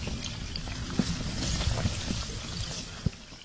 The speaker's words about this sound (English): For the first time all year, the river is flowing, carrying chunks of ice. But if it was really quiet, like there was no engine noise, mm-hmm. The sound is amazing. It sounds like chandeliers clanging each other.